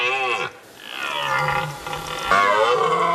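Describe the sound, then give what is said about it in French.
A red deer stag bellows its rutting call in long, throaty roars, two or three drawn-out groaning bellows in a row, loud with no talking. “Ah, pas mal, les enfants, le vrai brame du cerf. Écoutez, ça fait ça.”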